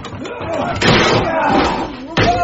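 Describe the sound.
A wooden shed door is forced open with two heavy, loud crashing blows about a second apart, while voices shout indistinctly underneath.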